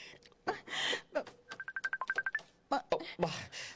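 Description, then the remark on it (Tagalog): A cellphone goes off with a quick run of about a dozen bright electronic beeps in an even rhythm, clear, framed by louder rustling, clattering noises before and after. “Ang cellphone ko.”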